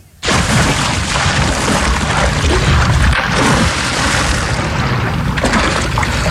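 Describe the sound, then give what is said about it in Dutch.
A sudden loud plunge into water as people jump into a canal in Drenthe, the Netherlands, then several seconds of heavy, continuous splashing and churning, with no clear talk over it. “Wij gaan te water.”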